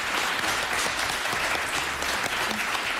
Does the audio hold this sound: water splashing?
no